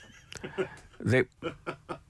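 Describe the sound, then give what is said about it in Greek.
A donkey brays in a series of rhythmic, honking heehaw bursts, loud, with a rough, strained tone that rises and falls over about two seconds. “Γελάει το γαϊδούρι.”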